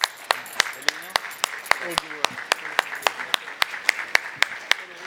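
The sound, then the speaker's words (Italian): Audience applause with sharp, evenly spaced claps at a steady quick rhythm over a dense bed of clapping, while faint voices murmur underneath, welcoming Francesco Ielpo, Custos of the Holy Land, to a public conversation. “Eccolo, un grande applauso.”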